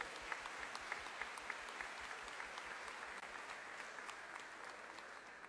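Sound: audience applauding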